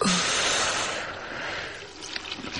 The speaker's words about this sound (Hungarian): Kinyitom a csapot, hogy apa hallja a csobogást.